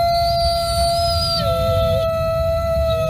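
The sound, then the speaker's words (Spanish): Several long, sustained howls overlap in a steady chorus, one voice sliding downward partway through, over a low rumbling background. It sounds like a pack of wolves howling together. “Porque es verdad que la noche es muy territorio de lobos.”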